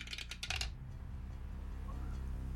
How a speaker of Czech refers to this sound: Seš napnutej, tak počkej, hele, beru kostku. Jdu to tam šoupnout.